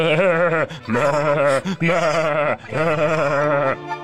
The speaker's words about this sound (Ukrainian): Вівці заметушилися, замекали, кинулися в розтіч.